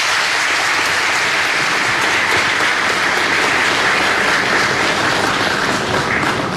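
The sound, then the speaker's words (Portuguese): Sustained applause from a large crowd for Durão Barroso, former Portuguese Secretary of State for Foreign Affairs and Cooperation, after his speech wishing peace and democracy for Angola, a dense, steady wash of many hands clapping at an even loudness throughout, with no voices standing out. “As palmas merecidas a Durão Barroso, antigo secretário de Estado e dos Negócios Estrangeiros e Cooperação da República Portuguesa.”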